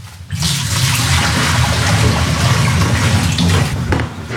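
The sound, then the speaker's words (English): Food-safe sterilising liquid is poured out of a beer-brewing vessel, after its tap handle and top are removed, in a loud, steady, continuous gush. It starts after a brief quiet moment and runs without a break to the end, with no talking. “And then remove the tap handle, take off the top, and pour all the sterilising liquid out.”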